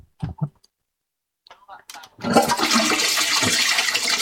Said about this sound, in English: You do the honours of flushing my toilet?